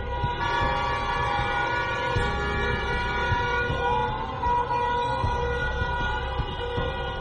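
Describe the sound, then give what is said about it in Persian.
Car horns blare in the street as people honk in protest at the killing of Mahsa Amini, a dense overlapping chorus of sustained honks held for the whole stretch, loud and steady with no pauses and no voices. “برخی از مردم در خیابان‌ها صدای بوق خودروهایشان را به نشانه اعتراض به قتل مهسا امینی به صدا درآوردند.”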